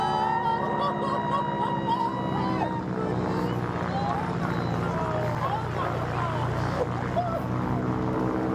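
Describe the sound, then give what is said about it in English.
A propeller plane's engine idles before an acrobatic wing walk with a steady, droning hum that stays loud throughout, with muffled, indistinct voices faintly mixed in beneath it. “the last thing Val said as she was clambering up the plane”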